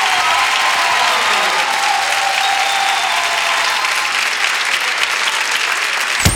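Loud, sustained applause from a sizable audience fills the whole stretch, a dense steady roar of clapping hands with no pauses, heard up close.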